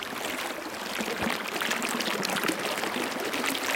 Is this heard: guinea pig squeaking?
no